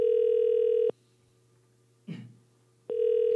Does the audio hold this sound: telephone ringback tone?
yes